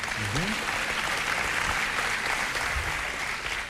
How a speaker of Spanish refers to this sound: ¿Escuchó los aplausos del público? Sí. Es que debe estar grabado en vivo.